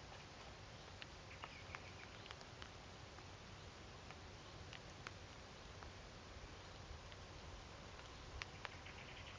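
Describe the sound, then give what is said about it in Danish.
A blackbird gives scattered sharp, clicking call notes at dusk just after sunset as it settles for the night, fairly faint against a steady hiss of outdoor background noise, with no one speaking. “Ja, der er lige en soltort, der er på vej i seng.”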